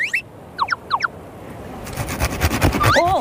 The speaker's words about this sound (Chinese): 细的拿剪子剪掉，粗的要锯子锯。